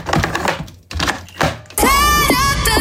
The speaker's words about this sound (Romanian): Acest sunet, da? Hai că e destul de logic. Când iei capsula de cafea și o introduci în aparatul de cafea, în cafetieră.